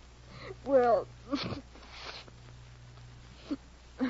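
A brief whimpering, sob-like vocal sound is followed by a short, breathy nose blow, then a few faint sniffs over a low steady hum.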